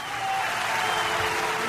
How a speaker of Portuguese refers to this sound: Palmas para si que nos escuta.